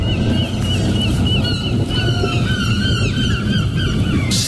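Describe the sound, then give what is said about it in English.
Several seagulls in Margate call out in quick, overlapping squawks, sounding agitated, over a steady rumbling, windy background noise. “I like the inclusion of the seagulls in it as well. They sound marginally panicked, don't they?”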